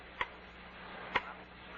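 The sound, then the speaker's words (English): A grandfather clock ticks slowly and steadily, two crisp, resonant ticks about a second apart over a faint background hum, with no voices. “Oh, that clock, Charlie. It's going to drive me up the wall.”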